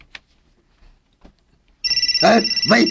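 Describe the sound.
After a quiet start, a cellphone suddenly rings loudly with a steady, pulsing electronic ringtone, while a person's voice speaks over it.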